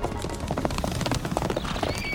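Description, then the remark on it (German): Hooves clip-clop in a steady, busy rhythm as horses on a pasture whinny and snort; a brief high-pitched neigh rises near the end. No one speaks. “Was stehst du denn hier rum und starrst die Pferde auf der Weide an?”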